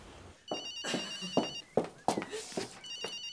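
A mobile phone rings nearby with a bright, repeating electronic tone in short bursts, mixed with loud knocks and clattering sounds throughout.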